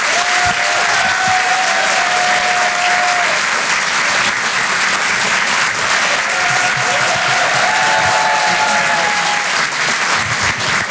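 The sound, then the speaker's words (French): A comedy club audience at the Rire et Chanson Comedy Club gives loud, sustained applause at the start of comedian Edgar Yves's show, a dense steady clatter of many hands with a few faint whistles or cheers rising briefly above it. “Applaudissez le blanc qui m'a présenté, là.”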